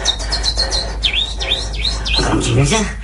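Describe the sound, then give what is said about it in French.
Several voices imitate little birds, making a quick series of high, sweeping chirps and tweets that overlap one another, with a few lower voiced sounds near the end. “Faites-moi les petits oiseaux.”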